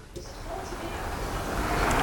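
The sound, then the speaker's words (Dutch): A steady wash of sea waves at the start of a song swells gradually louder over a couple of seconds, a broad rushing hiss of surf with no clear individual breakers. “Dan moet je dat water, de zee komt er.”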